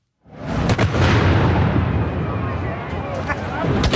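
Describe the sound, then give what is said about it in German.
Two loud ceremonial salute gun shots boom out in quick succession at exactly noon in Zürich's city centre, marking the start of the traditional Hirsebreifahrt, the blasts rolling into a long, reverberant rumble of echo and crowd noise outdoors. “Mit zwei Böllerschüssen ist am Punkt 12 in die traditionelle Hirsebreifahrt in Zürich losgegangen.”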